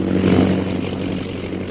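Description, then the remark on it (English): A low-flying airplane, brought down as low as it can go over a safari with elephants, drones steadily: a loud, continuous rumbling hum with a buzzing edge that holds an even pitch throughout, with no voices. “Bring the plane down as low as you can.”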